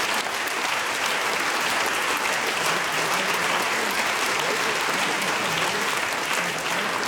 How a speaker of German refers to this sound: Vielen Dank und viel Applaus heute Abend. Dankeschön.